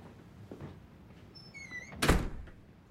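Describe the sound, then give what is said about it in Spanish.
A man opens a door for someone: it creaks open with a brief high squeal from its hinges, followed by a solid wooden thunk as it swings, fairly loud. “El hombre le abre la puerta.”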